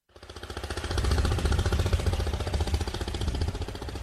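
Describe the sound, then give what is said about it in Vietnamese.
The small 13-horsepower petrol engine of a vỏ lãi river boat on the Bảy Háp River, Cà Mau province, Vietnam, chugs steadily with a fast, rattling pulse and a heavy low rumble, rising in over the first second and then holding loud and even, with no voices. “Động cơ là chiếc máy xăng công suất 13 CV mã lực.”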